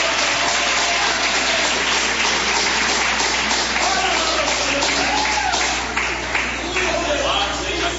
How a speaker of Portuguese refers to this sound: Vamos receber o servo de Deus com aquelas palmas de vitória para Jesus.